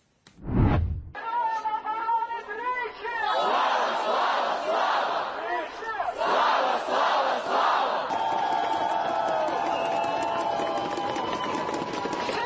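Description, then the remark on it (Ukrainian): A large protest crowd at a street protest action, part of protests that ran five days in a row, shouts and roars steadily, many voices overlapping in loud, rhythmic chanting bursts, with a few sharper individual yells rising above the continuous din. “Подивіться на цей натовп.”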